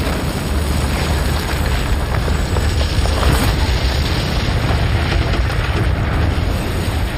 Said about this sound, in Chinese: 巨大的爆炸声震耳欲聋， 我们看到大桥似乎被炸飞了，到处都是灰尘和碎片，我们都看不清大桥究竟被炸掉了没有，但是没过多久灰尘就散去了。